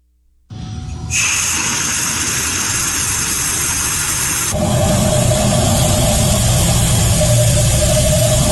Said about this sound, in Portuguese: É o som do vento, ar saindo da torneira e o relógio, ó, girando, fazendo a cobrança. É vento, né? ele tá pagando uma conta de vento.